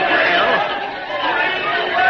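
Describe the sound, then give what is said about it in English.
A loud, steady murmur of many voices talking at once, a dense crowd gathered to hear a speech, with no single speaker standing out, swelling slightly toward the end. “Oh, listen to that crowd.”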